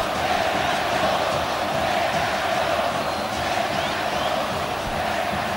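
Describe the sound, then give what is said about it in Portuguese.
A packed arena crowd of football fans chants the name Renato in unison during a match, a loud, sustained roar of many voices holding steady for several seconds with no pauses. “Renato, grito torcedor aqui na arena.”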